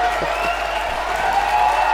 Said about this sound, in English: big crowd applause there.